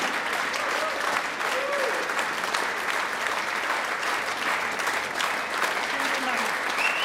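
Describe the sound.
Sustained applause from a crowd, dense steady clapping filling the room at an even loudness throughout, with faint cheers and voices mixed in.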